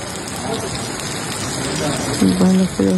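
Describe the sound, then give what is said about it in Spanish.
Heavy rain pours down in a steady, dense hiss that fills the whole stretch, with a voice briefly rising over the downpour near the end. Torrential rain at the Riera de Pineda de Mar, Barcelona. “El episodio de lluvias torrenciales deja 2 muertos y un desaparecido en la Riera de Pineda de Mar, en Barcelona, además de numerosos daños materiales en domicilios e instalaciones públicas.”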